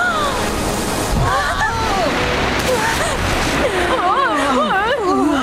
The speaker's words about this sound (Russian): О, вот еще одна волна!